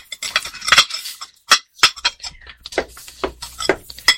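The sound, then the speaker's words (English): Dishes and silverware being dried with a dish towel clink and clatter in a quick, irregular series of sharp knocks, with soft rubbing between them and no voices. “Hand me that dish towel. I'll dry those dishes for you.”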